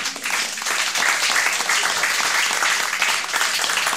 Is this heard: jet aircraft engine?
no